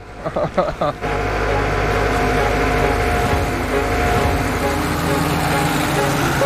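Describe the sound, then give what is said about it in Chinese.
A heavy tractor engine, driven by a woman tractor driver, rumbles steadily and loudly after about a second, a continuous low droning throb, preceded by a few brief bursts of voices. “女拖拉机手”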